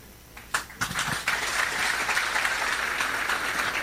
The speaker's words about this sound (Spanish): Nuevamente el aplauso y el agradecimiento a cada uno de ustedes.